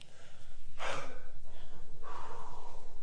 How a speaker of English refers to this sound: But first of all, we just want to catch our breaths. Y'all breathing all right back there?